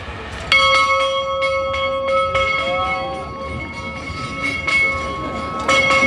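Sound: bell ringing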